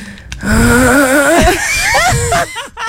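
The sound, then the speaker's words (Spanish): A person imitates a loud snore, a drawn-out throaty, wavering vocal rumble lasting about two seconds before breaking into a few short choppy bursts. “¿Cómo es ese ronquido? Ese ronquido es este.”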